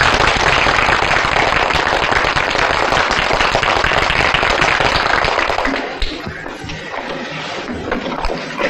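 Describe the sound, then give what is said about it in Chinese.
A class of students applaud together, a dense burst of clapping that holds steady for about six seconds and then thins to a few scattered claps, with no one speaking. “现在就请肖先生来给你们上课，拍手。”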